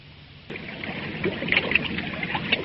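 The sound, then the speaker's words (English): A small boat moves through water, with a steady wash of lapping and splashing that starts abruptly and carries on at a moderate level. No one speaks. “what are you doing down there in that boat?”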